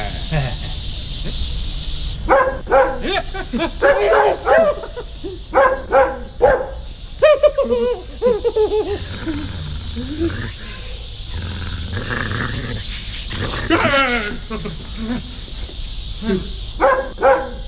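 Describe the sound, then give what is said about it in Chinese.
A dog barks in a series of sharp, loud bursts as someone comes to catch it, then lets out a lower, drawn-out growl, over a steady background hiss with a few quieter yelps afterward. “哎呀，小孩，今天不找你麻烦，找狗的麻烦。”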